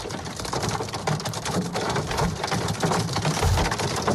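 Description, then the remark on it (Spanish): Dense, steady drumming of hail pelting the roof of the Ineos team car during the third stage of the Vuelta a España cycling race, on the final climb toward the finish at Font-Romeu, a continuous clattering patter of countless impacts with no pauses, loud throughout. “Escucha cómo sonaba el granizo en el coche del equipo Ineos, en el tejado, en el techo del conjunto del coche del equipo Ineos.”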